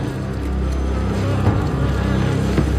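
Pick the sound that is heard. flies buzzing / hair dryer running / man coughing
flies buzzing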